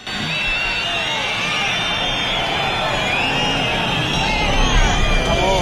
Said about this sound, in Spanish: Solo 5 días después de la muerte de Germán y Jerónimo persiguiendo a una narcolancha en Huelva, Grande Marlaska recibía pitidos y abucheos en este acto de la Benemérita.